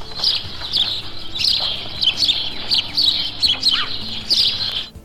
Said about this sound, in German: Das kleine Kerlchen gehört außerdem zu den Vögeln, die uns ganzjährig begleiten. Er ist sowohl in der Stadt als auch auf dem Dorf zu Hause. Dieser gesellige Vogel, der uns besser unter dem einfachen Namen Spatz bekannt ist